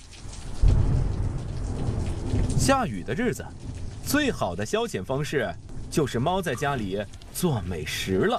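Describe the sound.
Steady rain hisses throughout as a rainstorm begins while a deep roll of thunder rumbles near the start, then a person speaks over the continuing downpour about quickly bringing in things set out to dry.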